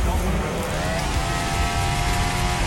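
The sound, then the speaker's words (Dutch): A Formula 1 race car's high engine whine climbs in pitch and then holds steady, cutting through a loud, constant roar of track noise in the background, with about seven cars out on the track. “Want er zijn op dit moment 2, 3, 4, 5, 6, 7 auto's op de baan.”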